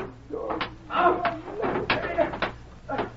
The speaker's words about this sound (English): Open that door, won't you, Sheriff?